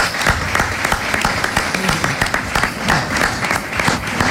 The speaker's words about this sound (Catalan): Demano un aplaudiment per ell perquè s'ho mereix.